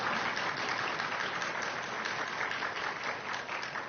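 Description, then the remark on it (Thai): Sustained, dense applause from a crowd clapping loudly for the speaker's mother, a steady wash of many hands clapping at once, loud and even throughout with no voices standing out. “ปรบมือดังๆให้ยอมแม่อีกครั้งหนึ่ง”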